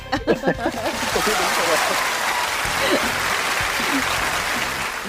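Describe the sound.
A crowd breaks into loud, sustained applause, dense clapping lasting several seconds, with a brief bit of speech at the very start. The applause is called for by a host for a contestant.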